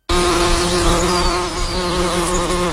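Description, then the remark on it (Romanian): A dense, steady drone of many bees buzzing together, loud, with no breaks and no voices throughout. “Albine? Multe albine.”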